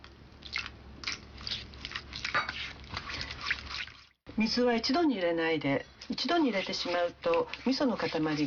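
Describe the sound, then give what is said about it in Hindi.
About four seconds of wet, squelchy mixing: four tablespoons of miso paste and four tablespoons of sugar in a pot, stirred with a wooden spoon as about 50 ml of water is added in two parts, in uneven clicky strokes, followed by a voice talking loudly for the rest. “अब इस मिश्रण में लगभग 50 मिलीलीटर पानी दो हिस्सों में बांटकर मिलाइए।”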